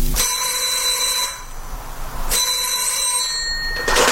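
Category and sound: household object, telephone bell ringing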